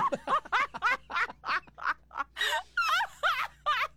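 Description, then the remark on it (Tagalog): A person mimics a duck with a rapid string of about a dozen nasal, raspy quacks in an uneven rhythm, fairly loud, with no other talking. “hindi galing niya kuan pato, galing niya, no?”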